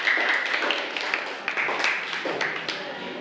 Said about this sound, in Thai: ปรบมือให้กับเพื่อนกลุ่มสุดท้ายของเราค่ะ